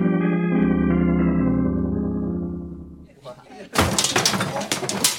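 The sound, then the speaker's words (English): Sustained organ-like music fades out, then a sudden loud crash as a display is accidentally knocked over by boys playing with modeling clay, with objects clattering and tumbling down for a couple of seconds. “Who knocked down the display?”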